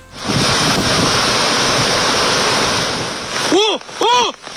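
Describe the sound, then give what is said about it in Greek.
Loud, steady roar of rushing floodwater from a swollen river on Evia, Greece, during a severe storm, with a voice briefly cutting in over the torrent near the end. “Διαλυμένοι δρόμοι, φουσκωμένα ποτάμια, πλημμυρισμένοι οικισμοί, εκενώσεις περιοχών.”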